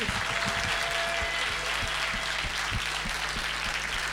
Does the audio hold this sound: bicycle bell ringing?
no